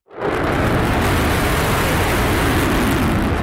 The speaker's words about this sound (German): Der F-35 ist alles andere als ein diskreter Vogel. Eine Lautstärke von über 100 Dezibel bringt er beim Start problemlos her. Das ist etwa so laut, wie wenn man einen Meter neben einem Presslufthammer steht.